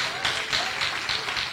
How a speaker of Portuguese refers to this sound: Vamos oferecer aqui uma salva de palmas para esse Deus, ele merece? Ele é merecedor das palmas, do glória a Deus, do aleluia.